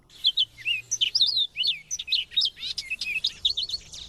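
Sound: dunlin calls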